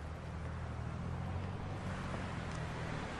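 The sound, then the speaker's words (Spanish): A car engine rumbles steadily with a low droning hum and broad road noise as the car drives away from a house, holding an even, fairly loud level throughout with no voices. “Jackie avanza un poco para ver cómo se aleja el auto de la casa.”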